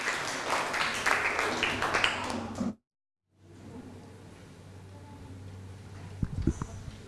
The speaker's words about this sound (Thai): นักเรียนต้นทางพร้อมไหมครับปลายทางพร้อมไหมครับถ้าพร้อมแล้วขอเสียงปรบมือให้กับตัวแทนกลุ่มที่2ครับ